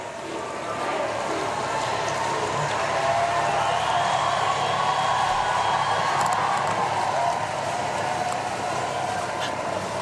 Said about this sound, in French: Voilà, donc maintenant le Saint-Père emprunte les rues de Metz pour bien partir. Et encore une foule assez nombreuse, très nombreuse, est dans les abords de la cathédrale et qui crie encore merci.